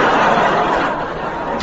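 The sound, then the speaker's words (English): A single door slams shut with a sharp, solid bang near the end, following a steady wash of muffled background noise. “The moment that door slammed, Percy sealed his own fate.”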